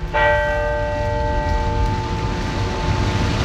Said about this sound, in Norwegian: Gravferdsseremonien ble innledet med tre klokkeslag fra alle landets kirke.